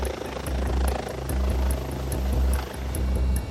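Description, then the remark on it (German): An ADAC air rescue helicopter from Straubing, Christoph 15, in flight carrying an emergency doctor to a truck collision on the A3 motorway, its rotor making a steady, loud low-pitched thudding drone with a rhythmic chop, swelling and easing slightly over a few seconds. No voices are heard. “Die erste Herausforderung, den Helikopter landen, mitten auf der Autobahn.”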